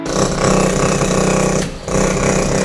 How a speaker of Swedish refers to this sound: Hörde du? Det är en rammer i sitt naturliga habitat.